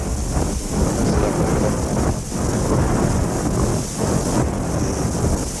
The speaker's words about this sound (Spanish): O el viento, esta tormenta, va a dificultar el cierre de la entrevista.